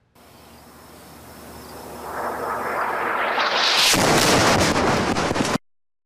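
An Israeli airstrike in southern Lebanon hits during a live broadcast by an Al-Manar journalist: a rising roar builds for a couple of seconds, then a loud explosion bursts into a crackling, debris-filled rumble before cutting off abruptly. No one speaks.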